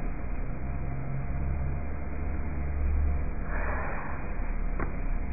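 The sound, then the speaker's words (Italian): A 33.6k dial-up modem connecting: steady, harsh hiss over a phone line with faint humming tones, a brighter scratchy burst near the end and a sharp click, heard alone. “No, siamo collegati con un modem 33.6.”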